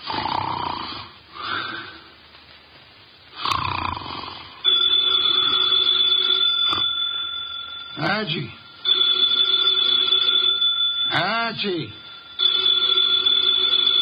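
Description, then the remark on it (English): A telephone on the desk in Nero Wolfe's office rings loudly in long, repeated bursts, while the detective's heavy snoring rumbles underneath and in the gaps between the rings. “The phone, if you please, Mr.”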